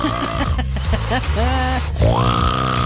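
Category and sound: vocal imitation, imitated loud snoring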